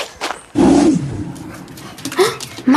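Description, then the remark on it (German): A large dog lets out high, thin whimpering whines, squeaky like a puppy's, in a couple of fairly loud bursts with a short pause between them. “Wie kann so ein großer Hund nur so fiepsen, dass es sich anhört, als wäre er ein Welpe?”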